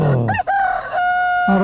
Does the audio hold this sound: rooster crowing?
yes